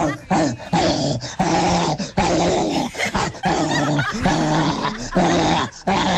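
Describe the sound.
A person does a loud, frenzied impression of a rabid dog, snarling and growling in rough bursts with brief breaks.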